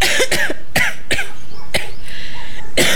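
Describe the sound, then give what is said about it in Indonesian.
An elderly woman, a grandmother, coughs repeatedly, a loud series of about six harsh, dry coughs in quick, uneven bursts, with no talking. “Oh, biasalah tuh orang tua, batuk-batuk bisikit tuh, perkara biasa batu.”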